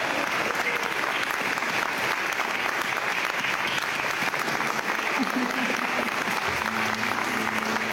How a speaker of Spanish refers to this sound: Así que vamos a aplaudir a todos.